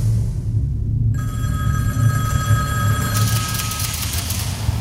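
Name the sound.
telephone ringing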